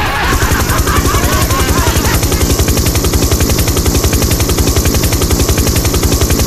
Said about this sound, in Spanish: Bueno, por aquí, ese mismo helicóptero que andaba